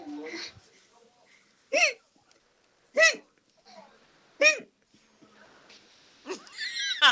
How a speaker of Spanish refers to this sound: Ahí va mi hipo